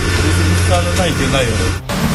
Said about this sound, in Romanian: Bă, da, merg motoare să învârte ceva pe ea. Că se aude